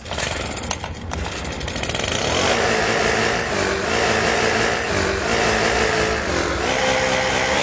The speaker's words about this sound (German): Eure SR1 Morning Show ist hier mit großartigen Laubbläser-Hits, die es echt in sich haben.